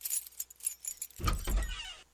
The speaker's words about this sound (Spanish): ¡Wow! Hay sonidos que lo cambian todo. ¡Wow! Como el de una puerta que se abre, pero esta vez la de tu casa propia.